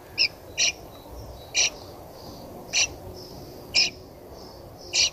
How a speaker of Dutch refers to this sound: Ja, hier nog meer gepiep. Gepiep van jonge spreeuwen in de nestkast van Walter.